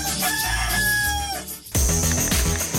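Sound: rooster crowing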